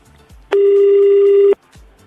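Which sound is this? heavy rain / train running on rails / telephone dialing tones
telephone dialing tones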